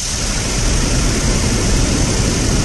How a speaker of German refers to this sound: Und das ist vom Sound das Wasser. Genau mein Ding.